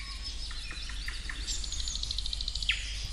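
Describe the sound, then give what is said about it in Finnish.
A Eurasian nuthatch calls at Siikalahti in Parikkala in a quick series of high, clear whistled notes, repeated in a rapid run over a steady low rumble of background noise, with no voices. “Pähkinänakkelin elämästä kertoi biologi Hanna Aalto.”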